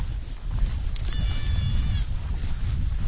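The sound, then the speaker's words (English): A goat on a hill lets out a single wavering bleat over a steady low rumble of outdoor wind noise; no one speaks. “Back on the hill with the goats, the gentleness overwhelms me.”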